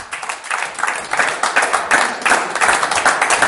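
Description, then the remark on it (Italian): Steady audience applause at an evening event at Bellezza in Milan, welcoming guest Simone Avincola onto the stage: many hands clapping in a dense, even wash at moderate loudness, sustained throughout without any voices on top. “E allora un applauso per Simone Avincola che invitiamo sul palco.”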